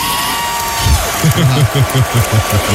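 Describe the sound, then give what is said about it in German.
A concert audience at a band's show on the Canadian side of Lake Ontario cheers loudly in a steady wash of crowd noise, joined partway through by a rhythmic, pulsing chant or clap that repeats several times. “Publikum hat es richtig gefeiert.”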